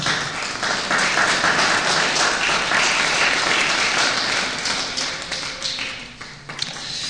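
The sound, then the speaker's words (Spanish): An audience applauds the Lord during a sermon, steadily for several seconds, a dense wash of many hands clapping at once, fairly loud, before thinning slightly toward the end. “Un aplauso, por favor, al Señor.”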